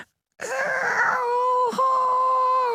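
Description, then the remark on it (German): A voice imitates the feeble roar of a tiny lake monster no bigger than a frog: a single drawn-out, tonal groan lasting a couple of seconds, wavering slightly with a brief catch midway, heard alone without other talk. “Wenn es brüllt, tut es das sehr leise. Ungefähr so.”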